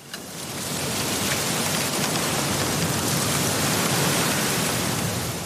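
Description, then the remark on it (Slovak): A steady, dense rustle of wind through tree leaves, a continuous soft hiss that swells in over the first second and then holds evenly, with no voices present. “Lístie na stromoch šumelo, tancovalo a niektoré si letelo ďalej, nevedno kam.”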